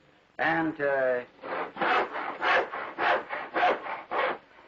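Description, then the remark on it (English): A hand saw cuts through wood on the waste side of a pencil line in steady back-and-forth strokes, about nine rasping pushes at an even rhythm, after a brief voiced sound at the start. “And we saw it on the waist side of the line.”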